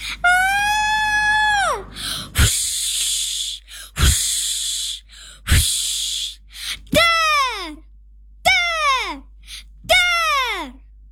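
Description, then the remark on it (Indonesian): A long, high-pitched scream gives way to loud gusts of roaring strong wind punctuated by deep booming cracks of thunder, then three shorter falling shrieks ring out in quick succession, intense. “Lalu muncul suara entah dari mana, seperti suara teriakan yang disertai dengan angin kencang dan petir menggelegar.”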